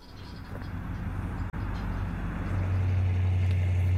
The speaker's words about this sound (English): It means you got to listen to a car drive around a little bit here.